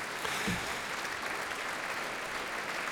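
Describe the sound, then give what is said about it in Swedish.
A concert audience in Berwaldhallen applauds an orchestra steadily as the applause ebbs out, a dense wash of many hands clapping with no individual claps standing out and no voices over it, holding at an even level throughout. “Ja, applåderna här i Berwaldhallen ebbar nu ut.”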